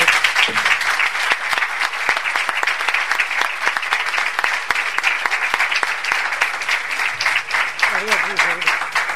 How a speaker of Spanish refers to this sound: mostrarles desde aquí todo mi cariño y mi fuerza y mandar de aquí un aplauso para él y para toda la familia.